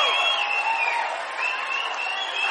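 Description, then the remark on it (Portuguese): Sustained applause from an audience for the composers, a dense steady clatter of many hands clapping, fairly loud, with faint crowd voices and cheering mixed in. “Por favor, senhoras e senhores, uma salva de palmas para o nosso compositor,”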